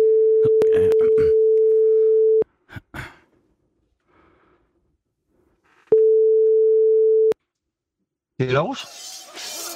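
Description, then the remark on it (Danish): A telephone ringing tone sounds as a call is placed, a steady hum about two seconds long, then a pause with soft breathing, then it rings again more briefly before a voice answers at the end. “Så ringer vi.”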